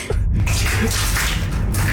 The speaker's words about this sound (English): You can hear all the liquid. Water. Oh, I missed. You missed completely. I'm so sorry. That was so cold.